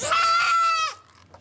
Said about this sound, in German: Was da so schreit, ist das Zicklein der soeben behandelten Mutter. Sie soll so schnell es geht zu ihr zurück.